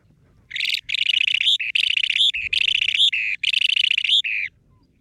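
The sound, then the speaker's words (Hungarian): A small, rare bird calls in a rapid series of bright, buzzy chirping phrases, four or five bursts with short gaps, fairly loud against a faint low background. “Nagyon aranyos egyébként a madárnak a kinézete, javaslom, hogy keressenek rá, és hogyha hallják, akkor nem tudom, jegyezzék föl, mert az lesz a 6.”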